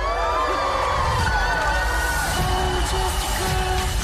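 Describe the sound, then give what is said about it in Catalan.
A party crowd cheers and whoops without letup for the birthday girl, Elle Woods, many overlapping voices shouting and hollering at a steady, loud level for the whole few seconds. “Let's give it up one more time for the birthday girl, Elle Woods!”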